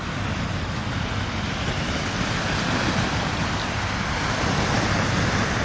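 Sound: sea waves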